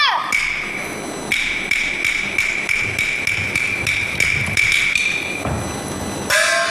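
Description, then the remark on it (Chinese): A mother bangs repeatedly on a wooden door, calling for her child to open it: over a dozen quick, heavy thuds in a steady, insistent rhythm, with a faint high ringing tone running underneath. “子呀，你咋还不开门嘞？开门，开门啊！”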